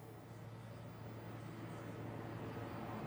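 A helicopter drones steadily overhead above countryside roads in Bürgenstock, a continuous low rumbling hum that holds even throughout with no talking over it.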